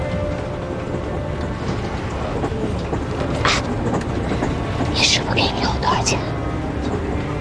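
A train bound for Shanghai rolls steadily along the rails, a constant low rumble and rattle with a few sharper metallic clanks and squeals cutting through near the middle and end, heard from inside the carriage.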